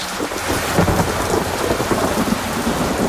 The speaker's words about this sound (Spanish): Habrá que sacar botas, paraguas. ¿Qué es esta lluvia que se viene?